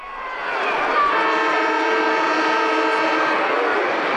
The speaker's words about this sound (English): And today, it's grand final day in the West Kimberley Footy League. Cue the siren.